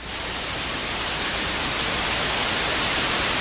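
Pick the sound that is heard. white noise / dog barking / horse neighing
white noise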